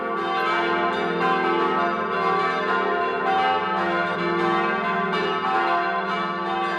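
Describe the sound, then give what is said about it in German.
The bells of the church of St. Joseph the Worker in Ganschir, Montafon, Vorarlberg ring continuously at noon, several bells overlapping in a dense, sustained peal with rich ringing overtones, steady and fairly loud without pause, no voices. “Sie hören die Glocken der Kirche zum heiligen Josef dem Arbeiter in Ganschir in Vorarlberg.”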